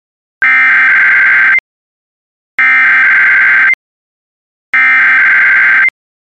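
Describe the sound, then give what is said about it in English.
The Emergency Alert System attention tone, broadcast ahead of an emergency bulletin, sounds three times, each loud, harsh, buzzing burst lasting about a second, separated by short even silences. No one speaks. “Your attention, please. The following emergency bulletin may affect your area.”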